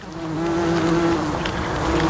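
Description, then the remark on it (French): Insects buzz steadily in a lavender field during the harvest, a sustained drone with a clear humming tone that holds throughout, continuous, with no voices present. “Il y a le bourdonnement des insectes et puis ce bruit sec et régulier.”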